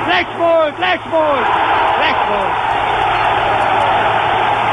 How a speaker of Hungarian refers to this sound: Hiába zúg fel a tömeg, hiába rúgta be a hálóba Fritz Walter a labdát, hiába hangzik a fütykoncert